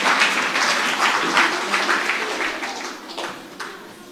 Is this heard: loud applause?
yes